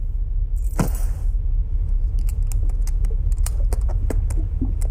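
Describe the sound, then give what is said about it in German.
Keys jangle and click as one is tried in a small suitcase lock aboard a ship, a run of light metallic taps and scrapes over a low steady background rumble. “Aber wie willst du denn im Koffer nachsehen? Der ist abgeschlossen. Ach, lass mich mal sehen. Gib mal deinen Schlüssel.”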